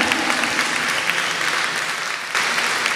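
An audience at a church sermon claps steadily and loudly in applause to God, a dense wash of many hands for a few seconds, with a brief dip before the applause swells again.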